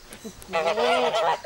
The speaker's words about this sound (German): Um die Gänse schon mal auf ihre neue Heimat einzustellen, gibt's die Begrüßung auf Dänisch.